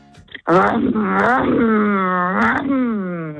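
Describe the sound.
A person vocally imitates a revving Holden V8 car engine, a loud, sustained guttural drone that rises and falls in pitch over about three seconds, continuous.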